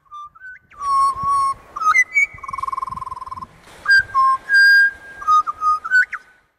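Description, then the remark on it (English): A person whistles an imitation of a magpie's call: a run of clear, warbling notes that slide and trill, fairly loud, with no talking. “That was my impersonation of a magpie, in case you couldn't guess it.”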